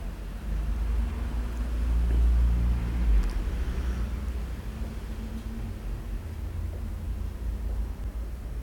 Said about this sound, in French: Un scooter blanc, plusieurs voitures, un taxi avec une galerie.